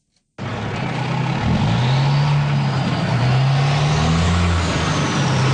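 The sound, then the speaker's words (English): Heavy construction trucks rumble loudly past in Ottawa's South End, Riverside South, a steady low engine roar with gear changes rising in pitch, continuous road noise throughout and no talking. “The sounds of large construction vehicles rolling through Ottawa's South End are well known by residents.”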